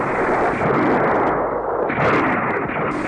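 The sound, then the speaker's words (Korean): Dense, continuous gunfire rattles without pause over the battlefield at Yeongbongjang, a loud wall of overlapping shots and blasts that swells and dips slightly but never stops, with no voices heard. “밥을 다 먹기가 바쁘게 미친 듯이 쏘아대는 총소리가 영봉장을 뒤덮었다.”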